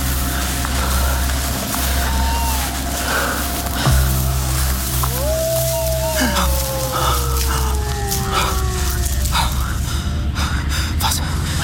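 A hound howls at night on the moor: a brief faint wail, then a long mournful cry that slowly slides downward in pitch over a steady low rumble.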